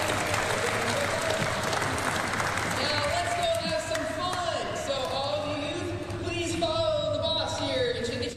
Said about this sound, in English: She would not have sat this still, so a round of applause to everybody.